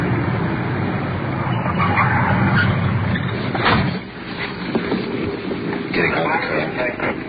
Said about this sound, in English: Suspect is moving his car over the curb. Stop him.